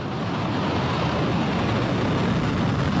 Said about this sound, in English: Missiles that Iranian state television claims are being launched against American forces in Jordan.